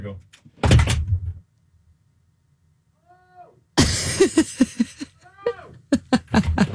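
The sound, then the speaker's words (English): A heavy soundproof studio door swings shut with a single loud thud, followed by a few seconds of near silence before people begin talking. “I'm going to close. So these studios should be completely soundproof.”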